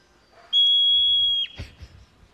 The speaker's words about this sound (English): Okay, so to get us in the mood for the next discussion, we're going to play a little sound from a hoary marmot in the wild. I love marmots. Here it is.